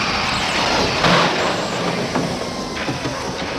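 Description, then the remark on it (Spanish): A pink car skids to a screeching stop, throwing sparks, a loud, harsh rush of tire and engine noise with a sharp burst partway through and rattling bumps as it settles. “el coche rosa se detiene derrapando y echando chispas.”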